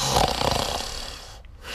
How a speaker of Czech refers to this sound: chrápe jako dřevorubec.